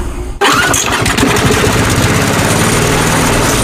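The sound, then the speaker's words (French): A lawn mower's small motor kicks in abruptly after a brief quiet moment and keeps running at a loud, steady drone, with no talking. “Marre de tondre? Tondeuse des 299 €.”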